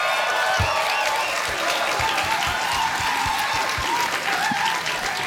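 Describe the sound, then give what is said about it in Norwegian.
Steady, dense applause from an audience, a continuous wash of many hands clapping at even loudness, with faint cheers and whistles rising now and then through the noise. “Applaus!”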